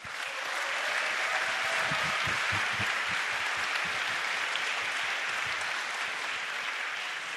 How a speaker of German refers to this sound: Und dafür möchte ich einen kleinen ersten Applaus für all die Leute, die da so viel Arbeit reingesteckt haben, dass dieser Abend stattfinden kann.